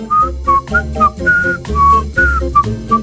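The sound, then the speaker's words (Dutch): A person whistles a lively melody in short bright phrases, clear, over a steady instrumental backing with bass and rhythm, in a song featuring whistling. “en we hebben een nieuw thema deze week. Dat is fluiten.”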